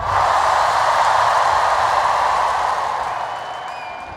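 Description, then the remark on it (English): A huge outdoor festival crowd at Glastonbury applauds and cheers Sir David Attenborough in a dense, continuous roar that holds steady before easing off slightly toward the end. “Imagine being there in that crowd at Glastonbury and seeing Sir David Attenborough come out and speak so passionately about the issue of plastic pollution”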